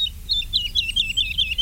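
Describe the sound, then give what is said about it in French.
A woodlark, heard from a distance, sings a run of quick, liquid, high-pitched notes, each sliding slightly downward, repeated in a steady rhythm over a low background rumble, with no voices. “De loin, on a entendu l'alouette Lulu.”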